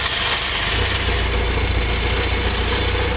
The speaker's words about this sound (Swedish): så har vi 116 ganska trötta 41 år gamla hästar i en Saab 900i från 1985. En bil som väl inte värderas speciellt högt numera.